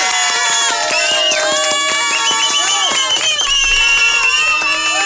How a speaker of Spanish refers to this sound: un aplauso